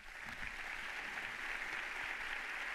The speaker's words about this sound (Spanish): Un fuerte aplauso a los 4 jóvenes de Palestina que se encuentran en la primera fila de la aula magna.